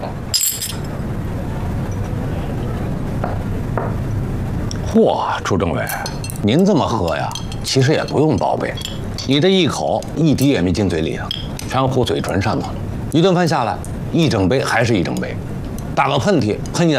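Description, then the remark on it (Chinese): Glasses clink together in a bright, brief burst right at the start of a celebratory toast to a studio's success, followed by several people talking over a low, busy hum. “来，祝咱们工作室再立新功，干杯！”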